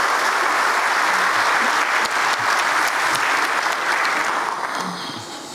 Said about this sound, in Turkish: Bu başarılar için Barcelona maçının arifesinde başta Okan hocamız olmak üzere teknik ekibe, futbolcu kardeşlerimize ve tüm çalışanlarımıza kuvvetli bir destek alkışı sizden rica ediyorum değerli.